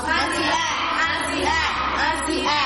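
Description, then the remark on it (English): A loud, steady burst of crowd applause mixed with cheering and whooping voices, a sound effect played after a correct answer in a Bible quiz about David and Goliath, filling about three seconds without letting up, with no one speaking. “Correct, a sound clap.”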